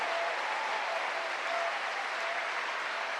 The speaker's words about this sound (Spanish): ¿Cuánto le dan un aplauso a ese Dios bueno? A ese Dios grande.